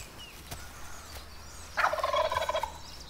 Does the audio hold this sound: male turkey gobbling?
yes